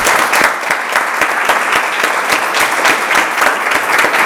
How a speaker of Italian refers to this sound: Intanto ti facciamo un applauso.